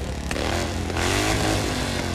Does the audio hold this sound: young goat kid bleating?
no